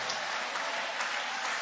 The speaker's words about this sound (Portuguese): Vai aplaudindo, vai aplaudindo, vai louvando.